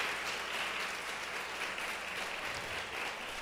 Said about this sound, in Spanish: Fuerte ese aplauso al Señor si se lo va a dar. Déselo con todo el corazón.